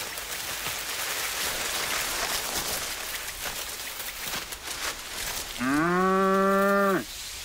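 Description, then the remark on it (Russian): A single spotted cow, its horns tied with rope, standing among human-height cattails, moos loudly, a low drawn-out call lasting over a second near the end, over a steady hiss like light rain that fills the whole stretch. “Среди рогоза стоит пятнистая корова.”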